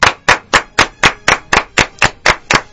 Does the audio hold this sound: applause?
yes